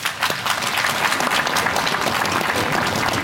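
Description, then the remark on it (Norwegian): An audience claps steadily for a percussionist from the Trondheim Symphony Orchestra (TSO), a dense wash of many hands applauding, sustained and fairly loud throughout with no voices on top. “Gi han en applaus.”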